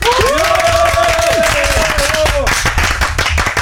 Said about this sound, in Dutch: Al even een tussentijds applaus.